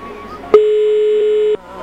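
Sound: telephone line tone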